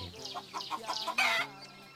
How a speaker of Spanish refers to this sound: Bájale tantito que se oye bien fuerte acá. Acá estoy oyendo a la gallina, hombre, como si estuviera atrás de mí.